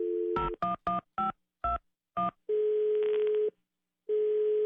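A brief steady tone, then six quick electronic keypad beeps dialing a phone number, followed by long, evenly spaced ringing tones on a Movistar line. Clear, with no voices.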